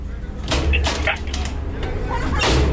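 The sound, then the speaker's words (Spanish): Someone knocks on a door, a handful of sharp, irregular raps spread over a few seconds, over a steady low background rumble. “¿Quién toca la puerta?”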